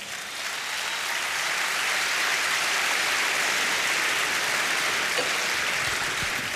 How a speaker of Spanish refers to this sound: Dele palmas al Señor.